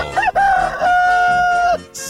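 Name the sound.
rooster crowing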